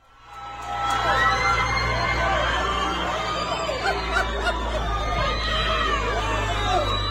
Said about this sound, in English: there was just people in Hillcrest Corner screaming and celebrating and cheering him on